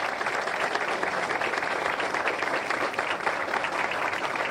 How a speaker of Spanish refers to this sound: La entrega de este testimonio y reconocimiento, fuertes los aplausos, señoras y señores.